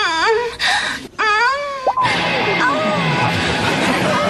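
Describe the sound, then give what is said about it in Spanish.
A voice imitates exaggerated crying: a couple of wavering, wailing sobs with rising and falling pitch, loud, followed by a noisier stretch with a fainter sliding whine. “Estaba en el sofá y te oí llorar a solas en tu habitación. ¿De veras? ¿Y cómo dices que lloraba?”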